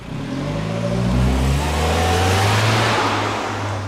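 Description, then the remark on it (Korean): A taxi that was heading to the airport turns around and drives off. Its engine hums steadily, the low tone rising and shifting as it accelerates away, with tire and road noise underneath throughout. “그날 공항을 갔던 택시는 다시 돌아와 우리 집으로 향했고”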